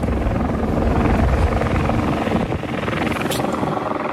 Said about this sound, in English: And so about 40 hours after the quake, our turn came to get on the helicopters early in the morning.